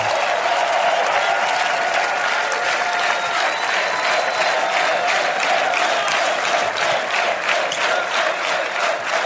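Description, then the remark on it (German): A large audience of 44,546 people applauds steadily, a dense, continuous roar of clapping with scattered cheers mixed in, loud and sustained for the whole stretch without any speech over it. “Und begleitet werden wir vom besten Publikum 44.546 begeisterte Menschen.”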